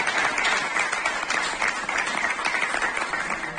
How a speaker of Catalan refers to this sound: El punt es va tancar amb aplaudiments en presència de familiars de Pep Bargalló a la sala.